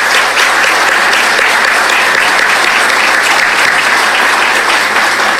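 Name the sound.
audience applause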